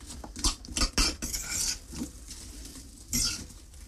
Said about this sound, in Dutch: Dus die appeltjes zijn nu helemaal los in die pan. Dus ik doe al die appeltjes open in de pan. En dan zal ik dat vuur iets hoger nog zetten, zodanig dat al wat voorgegaard is.